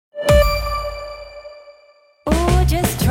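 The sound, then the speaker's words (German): A single bright doorbell chime strikes once and rings out clearly, its tone slowly fading over about two seconds before a dense, busy burst of other sound abruptly cuts in. “Jetzt lernen, bevor es klingelt.”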